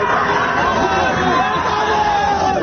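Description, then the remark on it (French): A dense crowd shouts and cheers continuously, many voices blending into a loud, steady roar with rising whoops and overlapping calls throughout. “La sacrée ambiance, effectivement, ça fait pas ça, nous, qu'on arrive en studio le matin, personne ne crie comme ça.”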